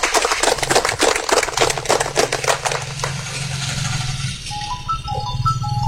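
An audience applauds a speaker: a dense burst of clapping that thins and fades after about three seconds, leaving a steady low hum and a few faint high tones.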